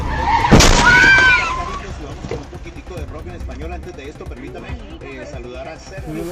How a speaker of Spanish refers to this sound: El auto impacta a la moto, lanzando a los dos pasajeros a varios pies de distancia.